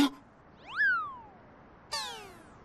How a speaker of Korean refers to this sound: 어우, 예뻐. 취향도 독특하다. 그냥 살찐 길냥이 같던데.